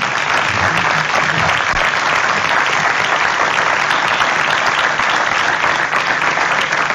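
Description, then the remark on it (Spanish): Sustained applause from an audience at an event at the Bodega Luis Pérez winery, thanking the winery's oenologist, fills the whole stretch, a dense, steady wash of clapping at an even loudness with no clear pauses and no talking over it. “Un aplauso, por favor.”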